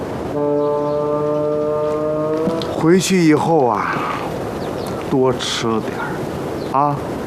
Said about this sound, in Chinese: 行了，驴都不高兴了，是不是啊？